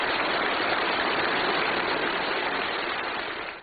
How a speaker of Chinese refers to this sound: 在全场热烈的掌声中，习近平发表重要讲话。